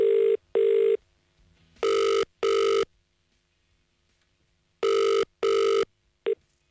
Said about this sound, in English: So it is time to ring our next caller. Let's hope they answer the phone correctly.